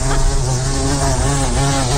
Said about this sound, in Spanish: Suena a mosca gorda. Pues moscardón, efectivamente.